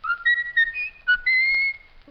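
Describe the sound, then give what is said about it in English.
A pet bird whistles a short melodic tune on command, clear pure tones stepping between pitches in a few sustained phrases, fairly loud, with no talking. “Is that the bird doing that?”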